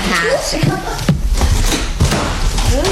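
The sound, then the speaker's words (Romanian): A door slams shut with one loud, sharp bang partway through, surrounded by softer thumps and shuffling, while voices murmur underneath. “Pentru o casă civilizată, ușile se închid cu mâna.”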